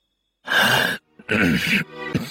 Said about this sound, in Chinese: 陈平因为急于阻止刘邦，被茶水呛得咳嗽了许久。